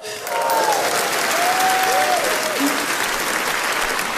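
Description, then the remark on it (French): Loud, dense applause from an audience fills the whole stretch, a steady wash of many hands clapping enthusiastically, one man applauding especially hard, with a few faint whistle-like tones near the start. “Mais monsieur, excuse-moi, mais pourquoi t'applaudis comme un malade comme ça?”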